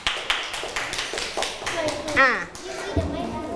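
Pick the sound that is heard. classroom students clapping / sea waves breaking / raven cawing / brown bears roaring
classroom students clapping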